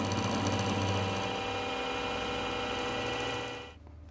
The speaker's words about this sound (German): Zurück in der Werkstatt in Öhringen. Von hier aus wurden schon Lokomotiven bis nach Indonesien und Japan verschickt.